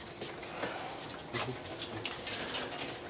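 A detection dog sniffs intently along the slots of the lower row of lockers, with quick bursts of breathy snuffling repeated in an irregular rhythm, mixed with faint scuffs and light taps against metal.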